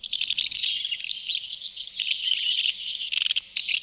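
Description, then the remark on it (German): A dense, continuous twittering of house martins, bright high-pitched chirps and rapid trills overlapping throughout, with brief sharp bursts near the end; no voices. “Ja, Sie haben es sicher erkannt. Das ist die Mehlschwalbe.”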